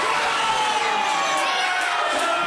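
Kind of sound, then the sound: crowd, crowd cheering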